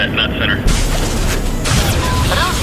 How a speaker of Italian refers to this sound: Ok, abbiamo noi la soluzione, spareremo un missile Viagra. Pronti ragazzi, premere il pulsante.